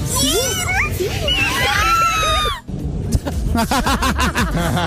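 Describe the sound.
A girl lets out high-pitched, excited screams and squeals for a few seconds at an airport as a band pass by, loud, with other voices underneath; then the screaming stops and people talk.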